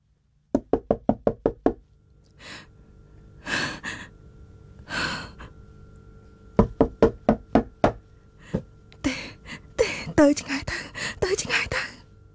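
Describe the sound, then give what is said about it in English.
A man knocks on a door in rapid bursts, each volley louder and more forceful than the last, with heavy breathing and gasps filling the pauses between them. “He keeps knocking. The man's knocking becomes louder, stronger, and she thinks angrier.”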